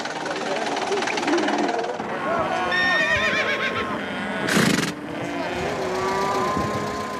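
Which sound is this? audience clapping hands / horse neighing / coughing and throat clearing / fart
horse neighing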